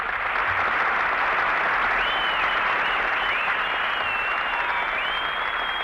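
Sustained audience applause, a dense steady roar of many hands clapping at even loudness throughout, with a few faint whistles rising above it.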